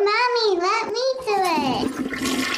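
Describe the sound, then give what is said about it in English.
A child's high voice speaks briefly, then a toilet flushes, its rushing, gurgling water swelling loud as the voice fades under it. “Explore the science beyond the flush.”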